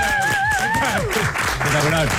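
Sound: audience applause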